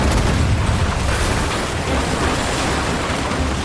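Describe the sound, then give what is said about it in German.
Heavy booming cannon fire at enemy ships in a pirate video game naval battle rolls through a dense, roaring din, loud, with blasts blurring into a continuous rumble and no voices. “Mit Kanonen auf die gegnerischen Schiffe schießen, den Kahn durch die raue See steuern, lieb ich”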